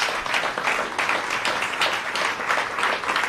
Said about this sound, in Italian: Un applauso anche da parte nostra. Sono sicura che stanno applaudendo anche gli ascoltatori in antenna.